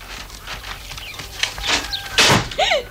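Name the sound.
door being slammed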